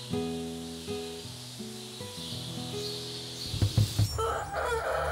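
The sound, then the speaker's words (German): Fighting chickens crow in long, harmonic calls that step between pitches, followed by a few sharp clucks and a burst of rustling, flapping noise near the end. “Die Kampfhühner sind sehr selbstständig geworden.”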